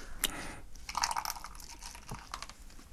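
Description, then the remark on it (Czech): A plastic beer bottle being twisted open: crinkling plastic and a few sharp cracks, followed by a soft, steady fizzing hiss as the gas escapes. No one speaks. “Tak to otevřem. Ale ono je to v petláví teda.”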